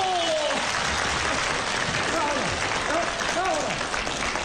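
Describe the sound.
Audience applause at an evening gathering, calling for a dancer to dance once more, fills the whole stretch, a steady dense crackle of many hands clapping at even loudness, with a few voices calling out and rising tones surfacing through the noise.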